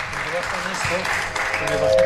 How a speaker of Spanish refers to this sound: Que le bajen los aplausos, dice.